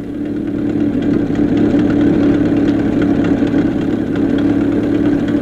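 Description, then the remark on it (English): A car engine chugs along steadily as the car drives over the desert, a loud, continuous low drone with a faint rhythmic rumble and no voices. “Let's join Adam and Skinny as they chug along over the desert.”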